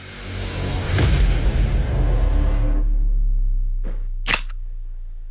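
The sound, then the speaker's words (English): A soft drink can being opened: a loud, rushing fizz of escaping gas with a low rumble, then two sharp metallic clicks near the end. No one speaks. “Yeah, soft drink, mate.”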